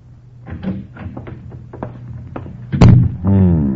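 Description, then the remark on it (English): A series of small wooden clicks and knocks, then a solid thud and a drawn-out creaking groan, like the door to a house's living room being unlatched and swung open. “As the door to the living room opened and another man approached, he looked up from the cards.”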